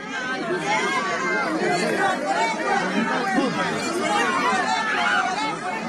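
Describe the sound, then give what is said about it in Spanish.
A large crowd of protesters and supporters of Keiko Fujimori at a rally she attends, shouting and calling out demands, a dense, steady wash of many overlapping voices with no single speaker standing out, holding at an even loudness throughout. “vamos a ir escuchando un poco de los pedidos que se hacen, el sonido ambiental en este momento porque hay muchos gritos, solicitudes, vamos a ir escuchando.”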